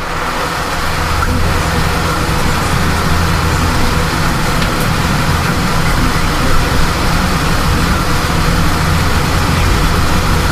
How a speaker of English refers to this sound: Yeah, on the Android, they're hearing the air conditioner. Go kill the air conditioner.